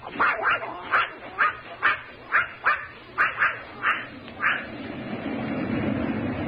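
A dog named Corky yaps about ten times in quick, steady succession, sharp mid-pitched barks that stop after a few seconds, leaving a low rumbling background.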